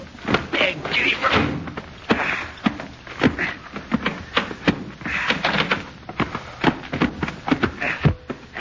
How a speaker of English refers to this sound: Now, let me out and I'll open the door.